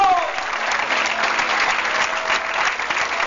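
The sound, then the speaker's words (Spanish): A crowd applauds the Lamb of God steadily, a dense wash of clapping that stays loud and even for several seconds without pause. “¡Un aplauso al Cordero de”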